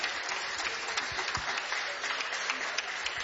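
A crowd claps steadily and energetically, a dense crackle of many hands sustained for a few seconds with no one speaking over it.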